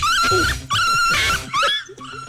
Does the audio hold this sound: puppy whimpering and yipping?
yes